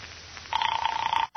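A telephone bell rings in one sustained, buzzing burst that starts abruptly after a quiet moment, then cuts off sharply, with no voices present.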